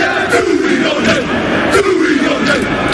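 The All Blacks, New Zealand's rugby team, perform the haka war cry: a group of men shout a rhythmic chant in unison, deep voices bellowing together in loud, forceful bursts with a steady, driving cadence.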